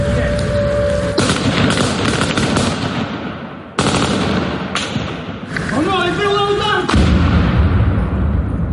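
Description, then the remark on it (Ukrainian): Rapid bursts of gunfire as police from a mobile fire group try to shoot down an FPV drone over a town, loud sharp cracks and thuds clattering almost continuously, with a rising mechanical whine cutting through midway and voices in the background. “Поліцейські намагаються збити безпілотник.”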